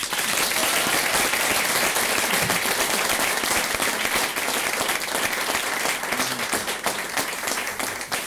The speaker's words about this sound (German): Einen riesengroßen Applaus für die Basquel, bitte.